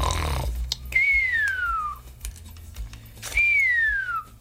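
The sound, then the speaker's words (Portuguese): A person imitates someone snoring at this early hour of the morning, in a cartoonish way, twice: each round is a short, rough breath followed by a long, falling whistle. The sound is clear, with faint clicking in the background. “Xará deve estar roncando uma hora dessa, né?”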